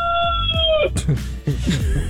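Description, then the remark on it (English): A rooster named Lightwing crows on a farm in Southern Oregon, a loud, drawn-out call whose final note slides downward and cuts off, followed by people talking over low background noise. “Wait, what's the rooster's name? The one who just crowed, Lightwing.”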